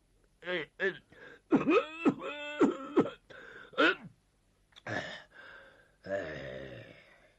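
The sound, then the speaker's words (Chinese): A man vocally imitates the elderly Zhao Erxun coughing and wheezing at the start of a meeting: a string of strained, moaning gasps and throaty hacks with short pauses, ending in a rough, breathy wheeze, fairly loud. “老头太老了，动不动了上气儿不接下气儿，先咳嗽一顿，又擤鼻涕又擦眼泪，你说这个麻烦劲儿吧，足有五分钟他才收拾完。”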